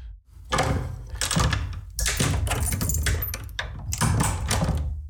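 A door sound effect with keys jangling and rattling, followed by the thunk and creak of the door handle and latch, fairly loud, with no talking.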